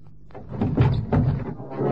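A heavy truck door is wrenched open, with a rough metallic clunk followed by a short run of rattling thuds and scraping as it swings free.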